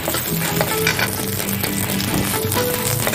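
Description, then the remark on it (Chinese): Garlic slices are stir-fried in hot oil until fragrant, giving a steady, loud crackling sizzle that runs without a break, with light scraping and clinking from the stirring mixed in. No one speaks. “先把煎片、蒜片爆鲜。”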